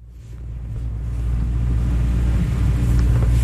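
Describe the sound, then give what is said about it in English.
A boat motor drones steadily with a deep, throbbing rumble, growing slightly louder, with no voices over it, as the boat heads out to sea watching for whales in the Salish Sea. “He shuts off the boat's motor so we can take a listen.”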